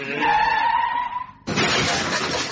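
A car crash: a high, steady tyre screech lasting over a second, cut off by a sudden loud smash of shattering glass and crunching debris that carries on to the end. No one speaks.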